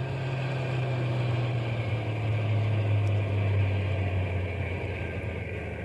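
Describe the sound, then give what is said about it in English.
A stopped truck's engine idles steadily near a bear feeding station, a low continuous rumble with a strong droning hum that holds even throughout, with no voices over it. “Yeah, we'll drive on a little bit and then stop the truck. But keep the motor idling so we can take off in a hurry if anybody comes along.”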